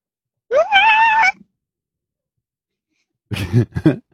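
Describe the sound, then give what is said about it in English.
Someone vocally imitates an elephant seal on a roller coaster with a wavering, whiny call lasting under a second. After a long silence comes a choppy run of rough, throaty grunting bursts. “Okay, I would like to hear an elephant seal on a roller coaster, please.”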